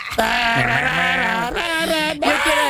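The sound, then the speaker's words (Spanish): Loud goat bleats in quick succession, long wavering cries with a shaky, quavering tremble, the last one starting after a brief break. “El grito de los chivos.”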